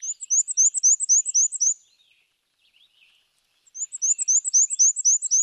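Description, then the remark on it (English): A male black-and-white warbler sings two bursts of its thin, high-pitched, squeaky see-saw song, rapid repeated notes like a wheezy squeaking wheel, separated by a short quiet pause with faint chips. “But they breed in North America's deciduous forests, where males sing a repetitive, high-pitched, wheezy, wheezy, wheezy song, a little bit like a squeaky shopping cart.”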